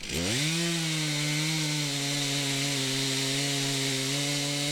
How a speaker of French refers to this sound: Ok, bon, bah, je vous laisse reprendre la tronçonneuse.